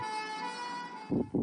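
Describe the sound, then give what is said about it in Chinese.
A steady, loud ambulance siren tone holds for about a second, then two short, heavier blasts follow in quick succession, with no voices present. “河南郑州十辆汽车因不给救护车让行受到处罚。”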